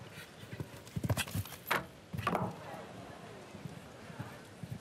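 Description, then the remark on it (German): Hooves of the show-jumping horse Mr. Tuck, ridden by Harry Smulders, clip-clopping in a short run of sharp, uneven thuds, with a voice talking over them and a busy background hum. “Das Pferd hat dort auch schon mal den 5-Sterne-Grand Prix gewonnen, nämlich mit seinem vorherigen Reiter Viktor Bettendorf aus Luxemburg.”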